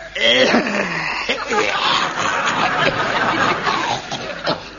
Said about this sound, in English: That's a cough.